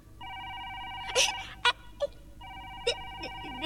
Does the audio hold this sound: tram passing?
no